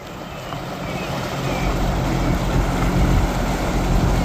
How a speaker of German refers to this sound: Da fährt sie, die schwimmende Bühne für die Eröffnungsfeier, mit Schleppern einmal über den Maschsee gezogen bis ans Nordufer.